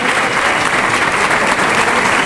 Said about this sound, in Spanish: Fuerte ovación para Morante de la Puebla.